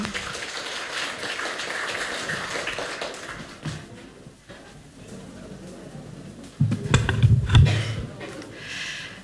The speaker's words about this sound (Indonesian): Tepuk tangan dong.